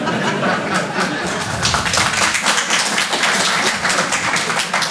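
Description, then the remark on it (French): An audience in Paris applauds steadily for several seconds in answer to a comedian's poll by applause, a dense wash of many hands clapping at an even loudness, with no voices standing out. “C'est marrant, j'ai joué à Nice la semaine dernière, ils applaudissent pas au même endroit que vous.”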